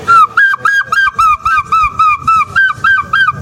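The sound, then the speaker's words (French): A person imitates a gull's cry: a rapid series of about a dozen short, loud, nasal calls in a steady rhythm, with no other sounds. “Et un jour j'ai poussé un cri, ce cri de goéland.”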